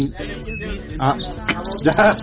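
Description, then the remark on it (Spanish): A toy whistle held in the mouth gives off a continuous warbling, bird-like chirping, close and fairly loud, trilling in quick bursts for a couple of seconds with faint voice-like sounds underneath. “ya le pusieron el pájaro en la boca.”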